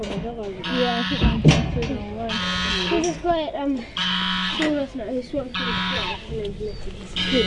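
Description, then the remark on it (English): A goose on top of a hill honks insistently in a string of harsh, nasal blasts that come roughly every second or so, fairly loud, with voices murmuring underneath. “That goose is really insistent.”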